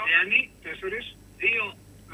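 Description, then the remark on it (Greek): A voice comes through a poor line on a cheap telephone, thin and tinny, breaking into three choppy bursts separated by brief dropouts over a faint steady hum. “Τι να σε κάνω, παίξεις μια μπακατέλα τηλέφωνο.”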